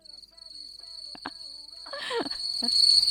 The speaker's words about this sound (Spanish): ¿Se viene? ¿Palabra de? ¡Hágame el grillo! ¡Vamos! Ahora lo quiere.